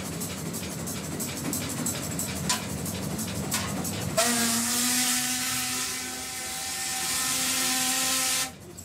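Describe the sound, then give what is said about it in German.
A special shovel scrapes and clatters across coals in a locomotive firebox in a run of irregular metallic knocks as the fire is levelled and the embers spread evenly over the grates, then a loud, steady roaring hiss with a low humming tone takes over. “Das heißt, da müssen wir mal erstmal das Feuer ein bisschen glatt machen.”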